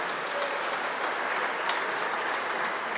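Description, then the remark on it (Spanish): Steady applause from an audience for the governor fills the whole stretch, a dense, continuous wash of clapping at moderate volume with no voices on top. “desde aquí, por favor, un aplauso a la gobernadora por esa disposición que ha mostrado.”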